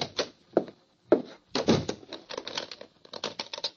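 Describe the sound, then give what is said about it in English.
A door thuds shut, followed by a quick run of sharp metallic clicks and rattles as a lock is worked. Moderately loud, with no voices. “I am going to lock you in, but I am sure my man will let you out when he regains consciousness.”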